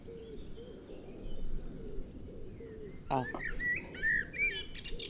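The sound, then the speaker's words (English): A blackbird sings in a tree: fluting song rings out midway through, a burst of clear whistled phrases that rise and fall, with softer cooing of answering wood pigeons and a steady low outdoor hum underneath. “Before then, do you think we could try to interview one of the blackbirds?”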